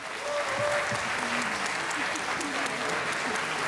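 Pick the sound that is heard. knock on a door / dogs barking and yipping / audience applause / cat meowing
audience applause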